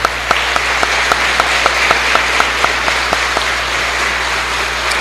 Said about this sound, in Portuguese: Nossas palmas para os ganhadores.